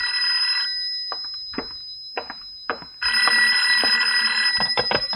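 A telephone bell rings in a study in two loud, rattling bursts separated by a pause of about two seconds, with a few soft clicks and knocks in the quiet gap between rings.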